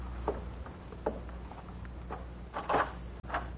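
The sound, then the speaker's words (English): A door being opened: a handful of sharp clicks and knocks from the latch and handle, spaced out over a few seconds against a low, steady background hum, with no voices. “I'll answer the door.”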